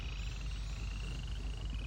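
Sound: many frogs croaking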